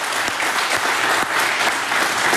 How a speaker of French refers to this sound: J'entends les applaudissements et je me rappelle qu'il y a les U16 de Vodini qui vont s'encourager. Surtout applaudir.